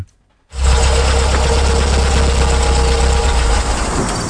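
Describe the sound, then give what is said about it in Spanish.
The engine of the car the speakers are riding in idles steadily, a continuous low rumble with a broad mechanical hum that starts abruptly after a brief silence and holds even throughout, with no voices. “Me gustaría que, mientras estamos montados en este coche, lo primero me describas esta foto.”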